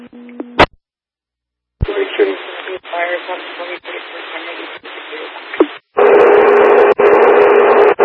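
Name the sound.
radio dispatch alert tones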